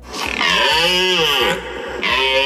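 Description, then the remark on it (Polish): A red deer stag's rutting roar: a loud, drawn-out, throaty bellow whose pitch bends and wavers, easing off briefly before a second roar starts. “Porykiwanie, bo to są przeróżne, bo to jest taki ryk tubalny, młodsze byki zawodzą, takie mają koniec, tak zakończą, tak po prostu z tęsknotą, to widać, że młody byk i nie ma łań, dorosły, potężny, na końcu widać takie czyli ja tutaj rządzę”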